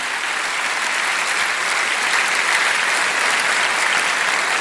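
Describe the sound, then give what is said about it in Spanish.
An audience applauds the Lord steadily, a dense and sustained wash of many hands clapping at an even, loud level with no pause, and no voices stand out. “Denle un aplauso grande al Señor.”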